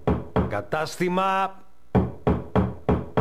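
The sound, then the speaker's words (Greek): Firm knocks on a door, loud: a quick burst of three, a short tonal, voice-like sound, then four more evenly spaced raps. “Μπορείς να χτυπήσεις την πόρτα σε ένα ηλεκτρονικό κατάστημα.”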